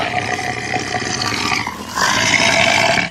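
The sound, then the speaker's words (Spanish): A tigrillo, a small wild cat, growls and snarls in a continuous rough, raspy stream, growing louder and harsher after the first two seconds before cutting off abruptly. No one speaks. “¡Ahí está! Sí, el tigrillo.”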